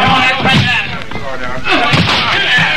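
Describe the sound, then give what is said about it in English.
A locked door is being broken in with heavy, repeated slams and thuds, loud, amid a noisy, crowded commotion with muffled voices underneath. “All right, everybody, we've got to break that door in.”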